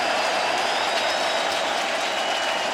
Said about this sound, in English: Crowd making plenty of noise.